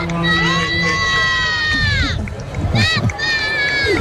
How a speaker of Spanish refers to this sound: No sé si escucháis los cánticos de la gente. Súper emocionada porque estaban esperando este momento. Aquí vemos al Papa llegar saludando a la gente. Las personas aplaudiendo, muy emocionadas.